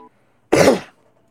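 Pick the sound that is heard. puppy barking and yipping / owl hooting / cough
cough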